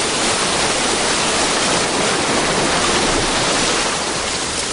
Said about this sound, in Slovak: Čo je? Voda. Unáša ma voda. Ja neviem plávať. Ja sa utopím.